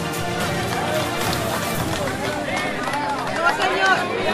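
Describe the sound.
A community crowd applauding steadily as a woman is pulled out of rubble during a rescue and put into an ambulance, the clapping blended with many excited voices and shouts, sustained and fairly loud throughout, with a couple of louder swells near the end.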